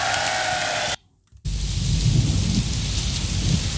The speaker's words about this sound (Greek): Κάπου ο ήχος της βροχής, κάπου το πιάνο, λίγο και η φωνή του …